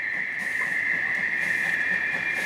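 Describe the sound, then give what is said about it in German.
A steady train rumble with a bright, sustained hiss or whistle-like tone running throughout, evenly loud for a couple of seconds, with no voices: a narrow-gauge Preßnitztalbahn train departing Steinbach station onto the line toward Jöhstadt in the Preßnitz valley, near the Czech border. “Die Ausfahrt im Bahnhof von Steinbach hinaus auf die Strecke Richtung Jöhstadt.”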